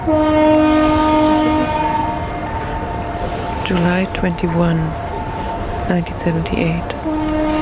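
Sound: foghorn blast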